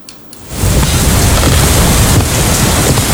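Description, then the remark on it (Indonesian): After a brief quiet moment, a dense, loud roar of heavy rain sweeps in and holds steady, a constant wash of hissing downpour that is growing heavier, with no voices. “Hujan semakin deras.”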